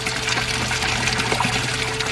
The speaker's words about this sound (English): When they got the house pump fixed, the most lovely sound that morning was the sound of water going into our empty water tank.